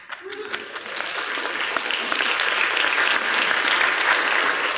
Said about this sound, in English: Now, I appreciate the golf clap, but you're going to have to do better than that.